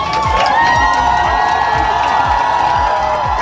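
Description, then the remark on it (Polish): A large crowd cheers and shouts continuously, with rhythmic low thumps like drums beating steadily underneath the loud, dense roar of voices, welcoming Poland's national volleyball team, the new European champions, in Warsaw. “Biało-czerwoni byli wczoraj hucznie witani w Warszawie.”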